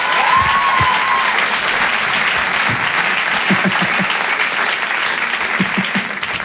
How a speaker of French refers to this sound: Allez, on peut l'applaudir très fort, voici Jérémy Ferrari.